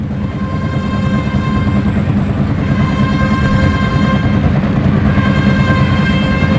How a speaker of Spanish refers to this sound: Vamos a saludar a Alberto Bautista en las ventas cuando suenan aquí clarines y timbales para el tercer toro.